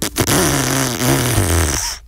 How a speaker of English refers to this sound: That was supposed to be a car with a crook exhaust, but we couldn't find the right sound effect. Not very professional, I know.